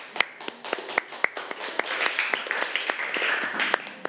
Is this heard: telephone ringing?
no